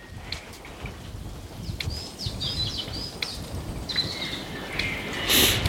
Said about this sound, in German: Hört sich eher an wie ein sachte blubbernder Sumpf, falls Sie das hören.